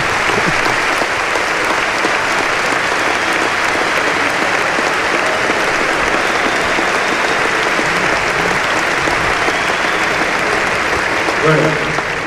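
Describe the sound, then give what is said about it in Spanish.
Sustained applause from an audience for the club's technical staff, a dense steady wash of many hands clapping at a loud, even level for the whole stretch, with no voices rising above it. “de verdad, lo digo a los jefes del club, tenemos un staff técnico fantástico y nada es por casualidad, creo que se merece un gran aplauso.”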